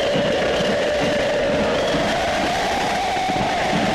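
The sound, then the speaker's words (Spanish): A dense crowd of Belgrano football fans at the clásico shouts and cheers together into a microphone in a steady, loud roar with no pauses, voices blending into a continuous wall of noise. “Respuestas del público de Belgrano ante el micrófono”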